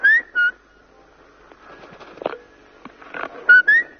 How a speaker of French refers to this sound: On t'écoute, hein. Tu siffles bien bien.